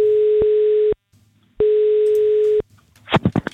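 Two long, steady beeps of an outgoing call's ringing tone, placed by a Radio 957 host to a contest participant, each about a second with a pause between, a single mid-pitched electronic tone, followed by the start of voices answering on the line.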